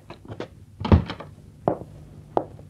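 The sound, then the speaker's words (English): A hotel room door swings shut with a heavy wooden thunk, followed by a couple of sharper latch clicks a moment later. No voices are heard. “Close the door.”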